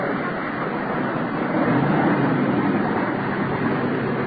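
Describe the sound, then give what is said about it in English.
A car carrying a big carload of dogs, its engine and road noise rumbling steadily for a few seconds, holding at a fairly even loudness with a slight swell midway, and no voices. “There's our car pulling the fire with dogs.”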